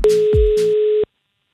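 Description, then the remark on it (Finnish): A single steady telephone ringing tone sounds for about a second, loud, with small clicks near the start and end before it cuts off into silence, as a call is placed in Finland about a job listing for a plasterer. “Ja mullahan tää homma on tietysti hallussa. Lähetään soittaa.”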